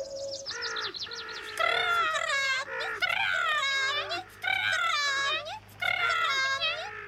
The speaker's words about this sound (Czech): No to se rozumí, jen si poslechněte kukačku s vránami.